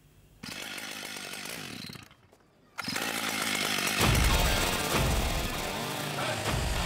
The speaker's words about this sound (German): Vier Meter lang, 80 Zentimeter dick, Eiche massiv. Georg Maurus macht Kunst mit der Kettensäge. Als Crazy George will er aus diesem Stamm Wildschweine aussägen.